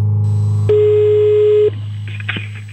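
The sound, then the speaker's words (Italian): A steady low hum gives way to a single sustained electronic telephone tone lasting about a second, followed by faint clicks and line noise as a phone call is placed. “Ora richiamiamo e risponderà il signor Cappella.”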